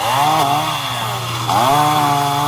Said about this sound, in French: À coups de tronçonneuse, les habitants dégagent les arbres tombés sur la route.